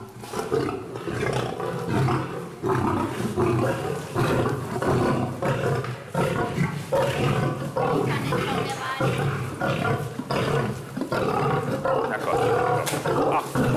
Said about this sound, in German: Sita tigert schon ganz aufgeregt herum, muss aber warten, bis Alex dem Löwenmännchen seine Portion vorgeworfen hat.